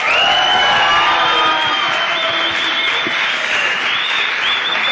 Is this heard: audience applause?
yes